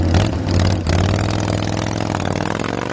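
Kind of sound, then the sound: vehicle, harley-Davidson motorcycle engine revving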